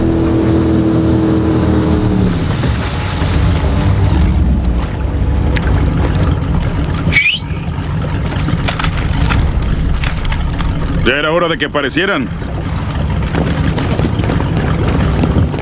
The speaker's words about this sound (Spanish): Linda lancha.